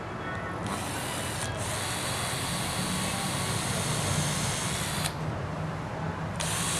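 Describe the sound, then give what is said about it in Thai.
A power drill whirs steadily for several seconds as it bores two holes into a piece of wood for a joint, its grinding tone dulling briefly twice as the bit bites deeper, with no voices. “เราจะเจาะสองรูเพราะจะล็อกแบบนี ้ใช่ นะถ้าเจาะรูเดียวมันจะหมุน”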